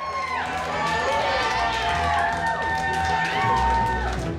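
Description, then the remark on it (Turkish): A crowd cheers and shouts steadily throughout, a dense wash of many overlapping voices with a few rising and falling yells standing out above the roar. “Büyük bir mücadele. Halkın tezahüratı.”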